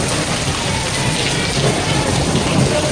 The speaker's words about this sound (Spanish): Esta tarde el aviso amarillo por tormentas y posible granizo se ha hecho realidad en Logroño y su entorno, como escuchas y seguramente como hayas podido ver, como hayas podido presenciar.